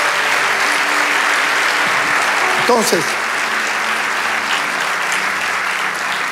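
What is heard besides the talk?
audience applauding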